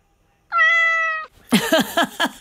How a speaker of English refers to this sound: that was a very reluctant cat there.